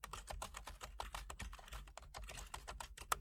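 Rapid keyboard typing of a message, a dense stream of sharp plastic key clicks with uneven rhythm and occasional louder keystrokes, continuing steadily with no voices.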